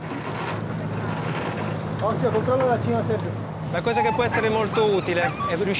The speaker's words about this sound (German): Also, lasst uns die Segel setzen, um schneller zu werden. Motor und Segel.